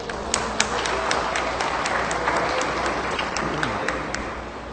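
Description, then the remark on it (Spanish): A crowd applauds to welcome the Asociación de la Feria Ganadera Señora Santa Ana, from Santa Ana, steadily throughout, a dense wash of clapping with a few sharper individual claps popping out, and a faint murmur of voices underneath. “De Santa Ana, a la Asociación de la Feria Ganadera, Señora Santa Ana, un caluroso aplauso.”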